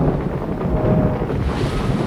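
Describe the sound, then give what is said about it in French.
Roaring wind and churning sea batter a boat during a sea crossing in a storm, with thunder, a dense, continuous low rumble with gusting buffets and surging water, loud, with no voices. “La mer, jusque-là aussi plate qu'une feuille de parchemin, se soulève furieuse et rugissante.”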